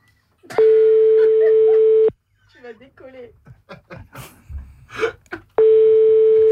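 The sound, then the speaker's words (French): A loud, steady telephone ringback tone sounds for about a second and a half, stops while voices murmur and gasp, then starts again. “Allez, on rappelle Colette.”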